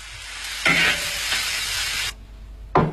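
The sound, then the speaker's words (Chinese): Loud sizzling of pork trotters stir-frying with strips of sour bamboo shoots in an iron wok, with a few scraping strokes of stirring, then a brief pause before another clattering stir. No one speaks. “酸笋切条，煸炒至微干，猪蹄下锅，与酸笋一起在铁锅中爆炒，翻滚沸腾，保吸汤汁，激出酸爽奇鲜。”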